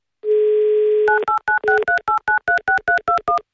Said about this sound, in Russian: И дабы вам эту возможность предоставить, я набираю ваш номер.